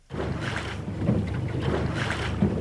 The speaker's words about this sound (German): Lautlos gleitet der Katamaran über das Wasser. Das Boot mit den zwei Rümpfen ist etwas ganz Besonderes.